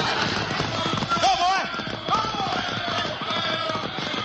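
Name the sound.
horses galloping away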